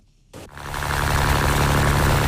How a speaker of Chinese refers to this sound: 早上七点，暖阳轻洒，海面波光粼粼。三亚牙洲中心渔港内，马达声响起。